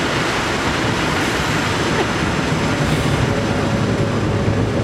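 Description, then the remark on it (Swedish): A train rumbles past in Håbo municipality, a steady, loud roar of wheels and rail noise with deep low-end rumble that holds constant throughout, with no voices. “Så vi kan låta tåget passera här eller stanna till.”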